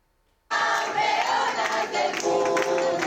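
A large crowd of relatives and fans at Madrid's Barajas airport erupts suddenly after a moment of silence, cheering, shouting and clapping with flags as the Spanish rhythmic gymnastics team arrives, continuously loud with no single voice standing out.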